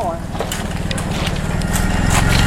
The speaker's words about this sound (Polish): Tutaj pod daszkiem stoją dwa motory, dwie riksze i pod taką wiatką, możemy powiedzieć garażem, już motor odpalany. Souza Motors. Nie wiem, czy taka marka jest w Polsce.